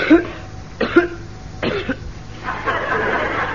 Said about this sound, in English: No, I just felt like coughing. Sort of clears my throat.